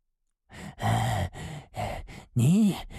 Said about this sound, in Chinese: 老家伙一直在喘气，萧峰用枪顶在他的脑袋上。